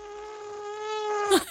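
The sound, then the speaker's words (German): A person imitates an elephant trumpeting with one thin, nasal, buzzing tone held steadily for over a second, closing with a short, louder squeal. No one speaks. “Ihr Elefant klingt nämlich so ein bisschen nach einer Mücke, finde ich.”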